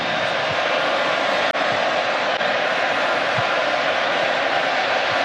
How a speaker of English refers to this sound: Well, it's a standing ovation from 80,000 people for a moment of history for Ochoa and this crowd.